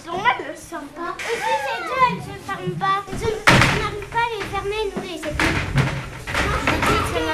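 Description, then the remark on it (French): A child pushes a toilet door shut with a single solid thump partway through, while children's voices chatter excitedly almost the whole time. “Comme ça, après, j'enfonce la porte. Hop. J'arrive à fermer la porte des toilettes.”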